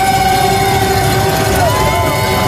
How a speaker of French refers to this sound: Ça réveille. Ah ouais, vous l'entendez, tout est permis, casseroles, percussions, sifflets et j'en passe.